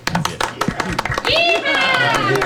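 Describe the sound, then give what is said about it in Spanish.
Brisk farewell applause from a small group of hands in a studio at the close of the show Fórmula Automotriz, a quick irregular patter of claps, soon joined by raised voices and whooping that carry over the clapping. “Oye, démonos un aplauso de despedida.”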